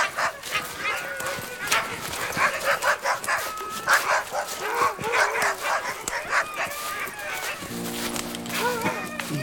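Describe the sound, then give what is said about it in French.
Several dogs bark and yip in quick, overlapping bursts as they approach, steady in loudness throughout, with a low hum entering near the end. “Elfriede entendit aboyer des chiens qui s'approchaient.”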